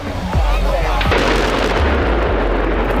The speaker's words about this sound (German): Das war ein riesiger Schornstein im ehemaligen Kohlekraftwerk Frimmersdorf. Der Energiekonzern RWE hat ihn gesprengt. Er war mit 200 Metern fast so hoch wie der Rheinturm in Düsseldorf.